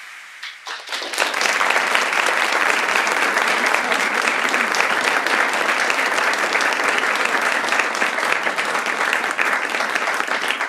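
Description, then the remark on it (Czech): An audience at the poetic stage of Viola in Prague, at a Mikroforum programme, breaks into sustained applause for the evening's main guest, dense rapid clapping that swells within the first second and stays loud and steady for about ten seconds. “Ten další potlesk pravděpodobně a zcela jistě bude patřit tomu, který bude hlavním hostem dnešního pořadu”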